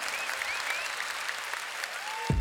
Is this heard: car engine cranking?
no